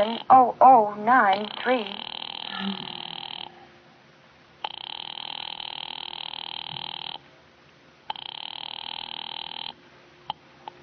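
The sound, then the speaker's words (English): A voice says it is ringing Murray Hill, then a telephone line's ringing tone sounds in three long, steady buzzing bursts separated by short silences, fairly clear. “Ringing Murray Hill”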